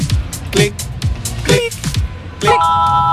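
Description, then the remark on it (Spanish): A Berisur home alarm system activation chime signalling the alarm has been connected: a few quick electronic chirps sweeping in pitch, then a steady, bright multi-tone beep that holds to the end, fairly loud. “Tu alarma Berisur ha sido conectada. Esto es lo que suena en tu casa cuando te protege el líder mundial en alarmas.”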